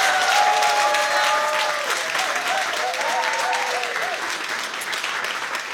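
A large audience at the P4 Nästa Stjärna 2026 final applauds steadily for about six seconds, before the winner is announced, a dense, even wash of clapping, with faint sustained tones ringing over it in the first half.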